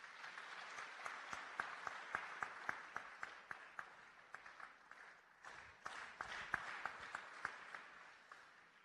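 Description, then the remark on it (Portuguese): A round of applause from a group at a National Committee meeting, welcoming a substitute member who becomes an effective member of the National Committee. Dense overlapping claps with sharp individual hand strikes standing out, steady and fairly loud for several seconds without speech. “passa a ser membro efetivo do Comitê Nacional. Uma salva de palmas.”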